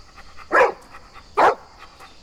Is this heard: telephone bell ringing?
no